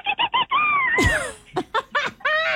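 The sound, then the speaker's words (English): A human voice imitates a bottlenose dolphin call as a sound effect for a beach story: three quick squeaks, a long sliding whistle that dips down, then a burst of rapid chattering chirps. Fairly loud, with no other sounds. “A bottlenose dolphin let out a triumphant call in the distance.”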